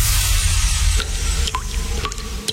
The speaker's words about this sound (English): That drip in your bathroom? Yeah, that's not a relaxing water feature. That's a cry for help.